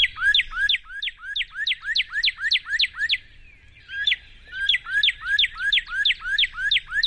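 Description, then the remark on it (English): A cardinal sings two quick runs of clear, bright downslurred whistles, about ten notes each, separated by a short pause, loud with no voices. “But the sound, I'm going to see if I can play the cardinal sound.”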